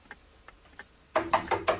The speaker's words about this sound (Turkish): Kapı çalınıyor. Kapıcıdır, ben bakarım.